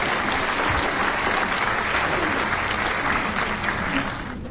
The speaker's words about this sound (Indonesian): Ya, beri tepuk tangan untuk Regu B.